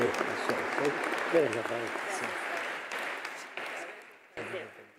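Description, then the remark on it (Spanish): A church audience breaks into steady applause for a man celebrating his birthday and his wife, dense overlapping claps filling the whole stretch, with voices murmuring and calling out underneath before the clapping tapers off. “Muchos aplausos al cumpleañero y a la esposa también.”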